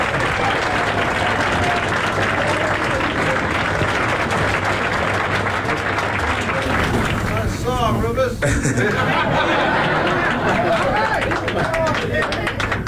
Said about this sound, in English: All right. Again, give … a big round of applause. Come on, ….